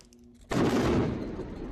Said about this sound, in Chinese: 黎巴嫩国家通讯社报道，以军28日轰炸黎巴嫩南部村庄曼苏里后，当地接连发生爆炸，而且浓烟滚滚。法新社记者指出，爆炸几乎将曼苏里夷为平地，附近的提尔市和周边多个村庄都听到爆炸声。